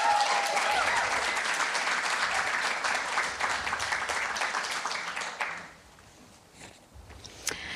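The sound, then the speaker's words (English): An audience applauds the panelists with dense, steady clapping for about five seconds, then it fades quickly to a quieter patter with a few scattered claps. “So I'd like to thank you, and just another warm welcome and round of applause to our wonderful panelists.”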